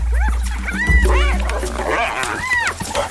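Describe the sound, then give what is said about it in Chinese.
African wild dogs yipping as they fight spotted hyenas over prey, with the wild dogs at a disadvantage: a loud, chaotic chorus of overlapping high-pitched yips, squeals and twittering calls that rise and fall, over a low rumbling background. “他们都在努力争抢猎物。现在非洲野犬落入下风。”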